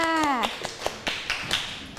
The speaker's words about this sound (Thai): ขอเป็นตัวแทนกลุ่มที่2ก่อนแล้วกันค่ะขอเสียงปรบมือให้เพื่อนด้วยค่ะ